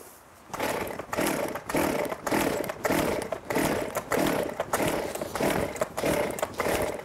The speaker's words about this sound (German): Seitdem sage ich immer, mach einmal die Säge an, guck, dass sie auch anspringt. Aber probier's nochmal.